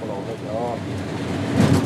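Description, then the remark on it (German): A locomotive rumbles along steadily shortly before Drentwede, its broad noise swelling into a short burst of scraping and crackling near the end as it runs over some branches lying on the rails. Faint voice-like tones drift in early on. “Das Drüberfahren klingt schlimmer, als es ist.”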